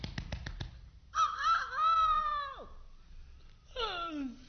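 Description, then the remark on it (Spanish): A rooster crows on a farm by a forest in one long, bright, harmonic call that ends in a falling glide, after a few quick clicks, and then a shorter descending cry follows. No one speaks. “De pronto, en la granja, que estaba muy cerca del bosque, se escuchó el vibrante canto del señor gallo.”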